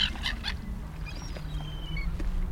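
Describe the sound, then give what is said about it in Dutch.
A brownish juvenile herring gull gives thin, high-pitched begging whistles, several short repeated notes, fairly faint above a steady low rumble of background noise. “En dat hoge geluid, dat is een van de jongere vogels die dan een beetje bedelend roept.”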